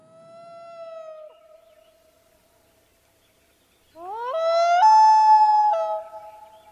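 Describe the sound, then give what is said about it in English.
A common loon wails: a steady, mournful held note, a short silence, then a louder call that slides upward in pitch, holds high and eases back down, with no voices. “The loon.”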